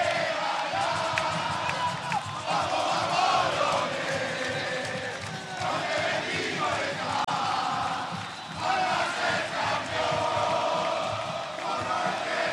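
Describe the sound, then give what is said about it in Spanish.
A large crowd of Alianza football fans in a stadium shouts and chants continuously while awaiting their team's entrance, lights turned off and phone flashlights on: a dense, loud roar of many voices with rising surges of yelling, sustained without pause throughout. “las luces que se apagan, la linterna de los celulares que se encienden y los hinchas aliancistas que están a la expectativa de que salga su equipo.”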